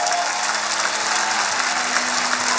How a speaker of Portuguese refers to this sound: Temos esta noite aqui uma equipa fantástica de bailarinos. Um aplauso para eles.